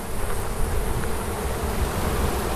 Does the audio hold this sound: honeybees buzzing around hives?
yes